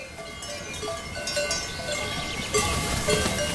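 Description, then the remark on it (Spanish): Several cowbells clank and tinkle irregularly over a steady outdoor background from cows grazing on high mountain pastures in the Jura, now that it is warm enough for them to go up. “Solo ahora hace suficiente calor para que las vacas suban a estos altos pastos.”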